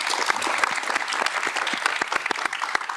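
An audience claps steadily, dense overlapping hand claps sustained at an even volume for a few seconds with no voices standing out.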